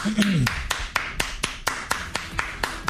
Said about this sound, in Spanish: Bueno, gracias. Déjale aplauso.